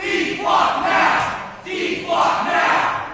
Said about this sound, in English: That's the sound captured by the Fall River Reporter of protesters shutting down a city council meeting in New Bedford last week over concerns about Flock Safety's license plate reading cameras.